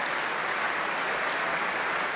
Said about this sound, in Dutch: Staande ovatie. Publiek, het was zichtbaar en hoorbaar onder de indruk van deze natuurkrachten die we hoorden.